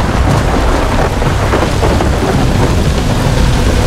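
Steady heavy rain pours down with a deep, rolling rumble of thunder underneath, loud and continuous throughout with no one speaking.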